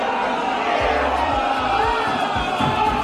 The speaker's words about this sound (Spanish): Excombatientes de Malvinas también ayer justamente disfrutando de este partido y del resultado. Gritando el gol.